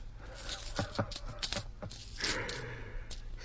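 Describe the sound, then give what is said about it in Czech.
Coins jingling and clinking, a string of sharp metallic chinks and rattles over a few seconds against a low steady hum, with no one speaking. “To je peněz.”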